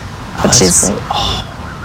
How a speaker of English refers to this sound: Zoo staff tell me these foxes can sometimes cry out during specific situations like danger